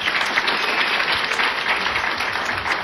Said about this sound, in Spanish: Amén. Amén. Damos palmas al Señor.